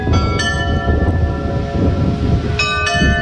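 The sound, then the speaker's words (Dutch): The carillon of the church in Arnhemuiden plays a well-known song from 1949 for the first time: clear bell strikes with long ringing overtones sounding a few notes in sequence over a steady low rumble of background noise. “Voor het eerst speelt het carillon van de kerk in Arnhemuiden het bekende lied”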